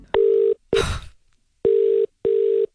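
Steady electronic telephone tones sound in short paired bursts as radio station The Hits places a phone call, clear, with a brief rattling clatter cutting in after the first burst. No one speaks.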